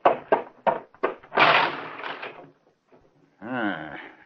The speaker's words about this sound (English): Car crashed into the lamppost right in front of the house.